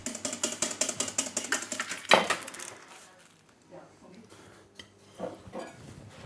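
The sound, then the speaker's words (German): Hollandaise sauce being whisked in a bowl in a kitchen: quick, steady metallic strokes for about two seconds, a louder clack, then a few softer scattered clinks and scrapes. “Und schlägt und schlägt die Hollandaise.”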